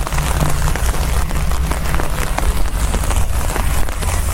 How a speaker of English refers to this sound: I live for the sound of rain. Listen to that rain. Look at that fucking puddle.